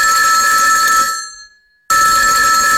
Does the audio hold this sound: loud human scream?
no